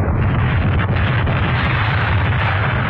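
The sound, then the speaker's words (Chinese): A landmine, a scorpion mine, explodes among enemy troops, a loud explosion roaring on as a dense, continuous low rumble, thick and blasting throughout with no clear break and no voices. “地雷在敌人队伍里炸响了。”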